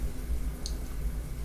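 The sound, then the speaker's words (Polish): Pasta water simmering in a pot on a gas stove turned slightly down to keep it from boiling over, a steady low bubbling rumble with one brief, faint high pop partway through. No one speaks. “Przez to bardziej słychać, jak się gotuje.”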